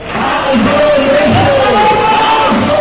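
A crowd of housing protesters in Madrid, heading from Sol toward the Congress, shouts loudly and steadily while shaking their house keys. Many voices overlap into a dense roar, with some rising, drawn-out cries standing out above the din throughout.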